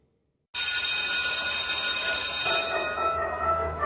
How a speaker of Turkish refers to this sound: Oh, ne güzel çalıyor değil mi? Ya insanın içine huzur veriyor. Anne babaların bu ara en sevdiği parça okul zili.